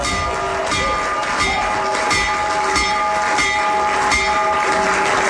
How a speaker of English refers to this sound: And then he did. And with the kids around him there, he had the opportunity to ring the bell. And here's a little bit of that. So ring the bell, Mr. President. There it is.